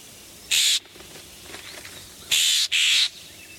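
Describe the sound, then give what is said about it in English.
A Florida scrub jay gives three harsh, raspy calls, one on its own and then two in quick succession, loud against a quiet background. “But in places that have stayed scrubby, the scrub jay is still hanging in there.”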